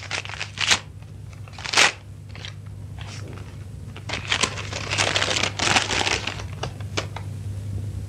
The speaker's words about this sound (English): The gentle closing of the door as Valerie made her exit broke the spell, and Margaret reached for the slim silver paper knife on her desk and slit the envelope at the top.